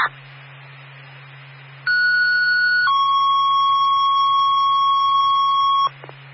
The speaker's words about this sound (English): Fire alarm, engine 3 is in quarters.